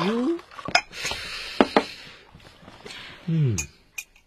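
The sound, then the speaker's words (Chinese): A spoon clinks against a cup while coffee is being made with boiled water: several sharp ringing taps spaced irregularly, with a soft stirring rustle between them and a brief voice murmuring at the start and near the end. “嗯，我给你冲杯咖啡。”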